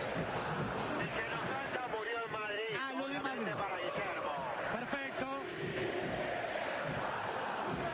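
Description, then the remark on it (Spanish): A large crowd of River football fans chants and sings in a stadium, a dense, steady roar of many voices with rising and falling melodic shouts, and a man's voice speaking briefly over it. “¿Qué gritan los hinchas de River ahora,”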